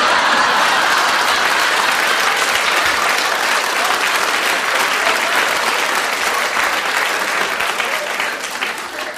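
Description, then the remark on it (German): A crowd applauds steadily and loudly, a dense wash of clapping that holds for several seconds before easing slightly at the end. “Ja, wenn Sie nicht bald klatschen, ist es verbrannt.”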